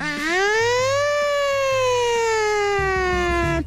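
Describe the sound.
A voice imitates a siren as a live sound effect, one long, loud wail, rising in pitch, holding, then slowly falling for several seconds, with faint low background noise underneath.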